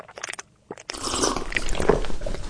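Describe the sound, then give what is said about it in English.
A person takes a drink of water, with a few short wet mouth clicks followed by about a second and a half of steady slurping and swallowing noise. No one talks. “Let me get a little drink Let's here. Let's drink.”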